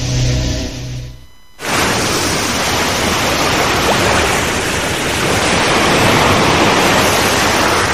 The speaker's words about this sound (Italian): Quando è stata l'ultima volta che hai ascoltato davvero il mare?